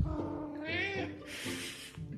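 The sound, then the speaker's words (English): A cat named Ollie meows at 6 o'clock dinner time, asking to be fed after coming in from outside. It gives a drawn-out, insistent call followed by a shorter, breathier one, loud and clear against a quiet background. “So it's 6 o'clock, it's dinner time, and my cat Ollie has come in from outside, and now he's being noisy.”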